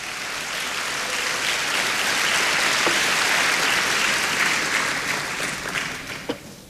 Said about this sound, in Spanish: Alguien diga amén, por favor. Ok, dele palmas al Señor.